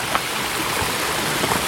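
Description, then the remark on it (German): Steady rushing water fills the scene, a broad continuous babble as two mountain streams flow together over stones, moderately loud with no voices. “Und hier kommen zwei Bäche zusammen”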